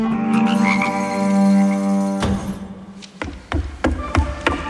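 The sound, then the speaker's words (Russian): A loud, dense chorus of frogs croaking in a swamp, a sustained buzzing drone for about two seconds, then breaking into scattered individual croaks and clicks. “Неудивительно, что всех дмитровчан до Октябрьской революции называли лягушатниками.”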